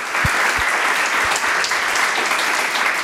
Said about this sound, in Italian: Un applauso, dai, ragazzi.